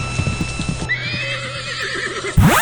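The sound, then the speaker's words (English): A horse gives a long, wavering whinny that trails downward in pitch, loud, preceded by a few quick hoof clops and ending in a sudden burst of noise. “Of course, he got there 2 days before the Toyota did, and that poor horse died of a broken heart.”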